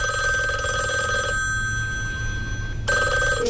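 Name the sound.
telephone ringing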